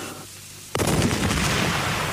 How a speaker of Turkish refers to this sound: Deniz ufkunda bu top sesleri nereden geliyor? Barbaros belki donanmayla seferden geliyor.